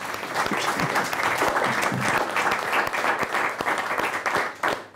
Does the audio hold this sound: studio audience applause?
yes